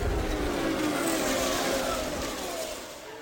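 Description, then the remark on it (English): Racing cars, including those of Rick Mears, Bobby Rahal and Al Unser Sr., roar down the main straightaway at Indianapolis, a loud, steady engine drone with rising and falling pitch sweeps that gradually fades slightly toward the end, with no voices heard. “Cars ahead of Rick Mears are Bobby Rahal and Al Unser Sr. They're on the main straightaway.”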